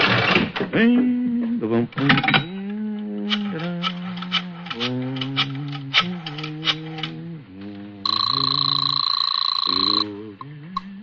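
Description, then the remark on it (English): A brief spoken exchange gives way to a quick run of rhythmic dialing clicks as a phone call is placed to the Marcus Talent Agency, followed by one loud, sustained telephone ring lasting about two seconds before it cuts off. “Right now, I want to make a phone call.”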